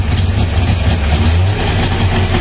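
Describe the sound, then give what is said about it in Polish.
An old FSO Syrena car engine with ignition trouble struggles to start, then chugs roughly with a loud, low rumble that runs continuously throughout, with no one speaking. “To oczywiście syrena została, ten cud techniki został zaprezentowany światu w 1972 roku.”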